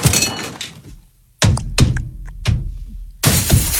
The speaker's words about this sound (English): Play a sound effect for once this morning. Yeah. We do the sound effects and the window breaking.